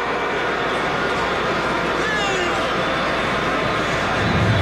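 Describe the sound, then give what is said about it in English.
A baseball stadium crowd boos the slow pace of pitcher Senga in a steady, unbroken roar of low, drawn-out voices, swelling slightly louder toward the end, with no single voice standing out. “I don't think the fans are booing about the pickoff.”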